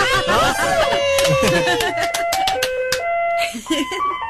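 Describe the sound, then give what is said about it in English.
A bright electronic ice cream truck jingle, switched on by the trucks' mechanic, plays its stepped, music-box melody loudly, with excited voices shouting and cheering over the first couple of seconds. “Well, I'm the mechanic for the ice cream trucks. Can you play the song for us? Can you turn one on for us?”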